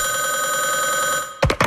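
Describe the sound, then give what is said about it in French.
A telephone bell rings with a loud, continuous trilling tone, then stops abruptly as a short voice-like burst follows, as lazy hunters try to call a moose directly by telephone. “Des chasseurs plus paresseux préfèrent caler l'orignal directement par téléphone.”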